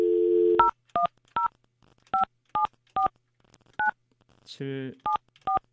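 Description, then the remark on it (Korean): About ten short, bright telephone keypad beeps in an uneven sequence, clear, with a brief voiced sound at the start and another partway through, as a radio host dials a listener on an ordinary phone during a live Far East Broadcasting (극동방송) show. “전화를 제가 생방송 중에 바로 한번 해볼게요.”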